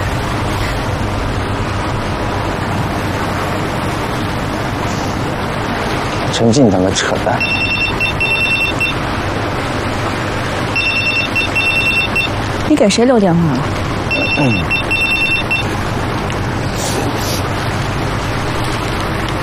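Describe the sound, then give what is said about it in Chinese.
A telephone rings in three trilling bursts separated by short pauses, heard fairly clearly over steady outdoor background noise, with faint sounds that could be voices. “你给谁留电话了？喂，哪位？”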